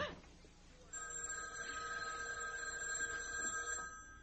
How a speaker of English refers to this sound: It was the house phone. Not my private line with the unlisted number. Only two people ever knew that number. You, Johnny, and Linda. But this was from the lobby downstairs. Stood there listening to it ring. Didn't dare answer it.